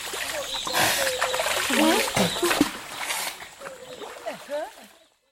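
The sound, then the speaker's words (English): Rhythmic splashing in water in a jungle, hands slapping the surface in a steady beat to make rhythms, with voices calling and singing along, ending abruptly. “Oh, that was a delightful splashing about, making rhythms in the water in the jungle somewhere.”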